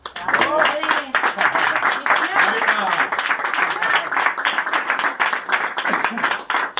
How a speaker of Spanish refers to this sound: Un aplauso para él.